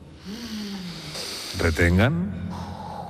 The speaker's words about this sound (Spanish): Tienen que hacer un ejercicio de respiración grupal, ¿sí? Sigan mi respiración, ¿verdad? Inspiren todos ahora.